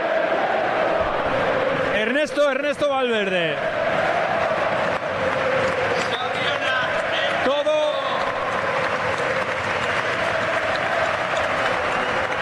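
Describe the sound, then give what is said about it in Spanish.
A football stadium crowd applauding in a loud, steady wash of clapping and roar that never lets up, while a man's voice speaks over it in short bursts; the whole bench, coaching staff and substitutes pose for a photo applauding Valencia, joined by Valencia's captain and the referees. “El aplauso.”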